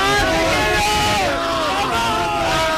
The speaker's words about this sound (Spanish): en Colón, esto es una locura aquí en Madrid. Esto ha sido una locura. Todo el mundo gritando, celebrando, abrazándose entre ellos, es espectacular el gol que acaba de meter España. Estamos en la final ya.